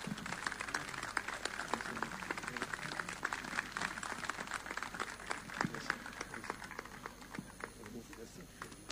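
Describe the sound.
An audience applauds steadily for about nine seconds, dense overlapping claps forming a continuous crackling wash at an even, moderate loudness, with faint voices mixed in underneath.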